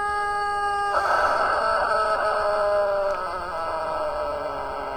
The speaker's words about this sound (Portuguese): Agora o papudo lá do seu papudo, Acilo Severo, é, o galo papudo, dá uma olhada aí. Você imagina um galo desse no terreiro, rapaz. Cantando nesse desespero aí na madrugada.